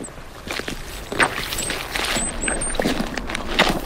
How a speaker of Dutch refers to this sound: Zompig. Dat is zompig. Echt alsof je in het, half in het water staat. Of in ieder geval, je zei op een waterbed aan het lopen was. Ja, dat kan je dan wel ongeveer zo zeggen.